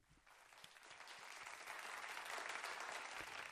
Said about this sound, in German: Wie sieht denn bei mir ungefähr, einfach nur so fürs Gefühl, ein 3-Punkte-Applaus aus? Wir steigern das Ganze mal auf einen 6-Punkte-Applaus.